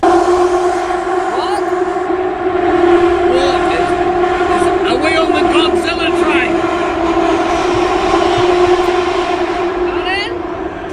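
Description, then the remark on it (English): A subway train grinds through a tunnel with loud, sustained metallic screeching, steady droning tones and wavering high squeals of wheels scraping rails, continuous for the whole stretch. “It's like, you know, when metal scrapes metal and I felt the sides of the train were hitting the tunnel.”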